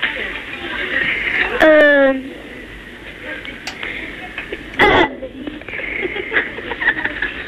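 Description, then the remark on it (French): A boy burps on request, a short, voiced burp over a thin, telephone-quality line, followed a few seconds later by a briefer second burst against steady background hiss. “J'ai roté.”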